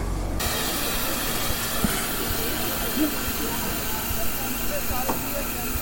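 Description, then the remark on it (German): A loud, steady rush of steam hisses from the old steam locomotive 58 311 as it sets off, with its cab full of people; constant throughout with a low rumbling underneath; no distinct whistle blast stands out. “Und das war, glaube ich, der Achtungsfilm, den ich fahren will. Und das Ungetüm setzt sich in Bewegung.”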